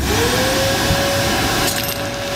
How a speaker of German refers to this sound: Gestern ist der Staubsauger 125 Jahre geworden. Deswegen habe ich mal etwas eingesaugt.